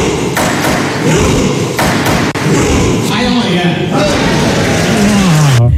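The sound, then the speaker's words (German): Members of the Norwegian Parliament, in suits and dresses, pound out a steady, rhythmic thumping beat for a rowing cheer, loud and continuous, with voices shouting over it and one long rising yell of "Heia Norge" near the end. “Am schrägsten, das norwegische Parlament rudert auch in Anzug und Kostüm. Und so klingt das dann im Parlament.”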